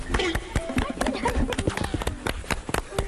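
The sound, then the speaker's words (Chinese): Two people standing on a net-covered terraced rice paddy where lotus fish are raised clap their hands together in a quick, uneven flurry of sharp, loud slaps that overlap for about three seconds, with voices murmuring underneath. “咱俩一起拍拍手啊，一二三。”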